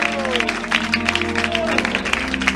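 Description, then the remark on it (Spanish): An audience applauds the Lord during a sermon in a steady, dense burst of clapping, with sustained keyboard or organ tones and some crowd voices underneath. “Alguien le da un aplauso al Señor.”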